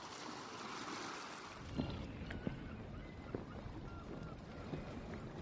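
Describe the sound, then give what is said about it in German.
A ship drifts unanchored on the open sea: steady washing waves and a windy rush, with a few soft wooden knocks and creaks rising from the surf. “Sie ließen sich und ihr Schiff höchst verantwortungslos treiben und sangen ihr Lieblingslied.”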